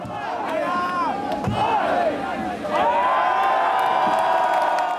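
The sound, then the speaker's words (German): A large crowd counts along loudly in unison at the tapping of a beer keg at the Erlanger Bergkirchweih, voices rising together, with a sharp knock of a strike on the keg partway through before the shouting swells into sustained cheering. “Das Publikum zählt mit.”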